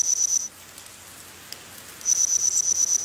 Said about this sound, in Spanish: El trabajo reconstruye el paisaje sonoro de un bosque jurásico a partir de fósiles de insectos, sobre todo alas con estructuras que producían sonido.